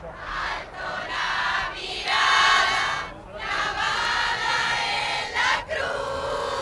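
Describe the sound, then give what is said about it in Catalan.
A large crowd of faithful cheers and chants together in a dense, continuous roar, voices swelling and dipping in waves, singing hymns and waving flags outdoors in front of the Almudena Cathedral as they await the arrival of Pope Leo XIV. “Al davant, a la catedral de l'Almudena, hi ha una multitud de fidels que l'espera a l'arribada del papa Lleó XIV, onejant banderes i cantant himnes.”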